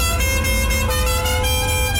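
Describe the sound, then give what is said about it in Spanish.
Car horns blare steadily in busy traffic, a sustained, loud honking layered over a low engine rumble with no pauses across the whole stretch. “¿Estás en el tráfico?”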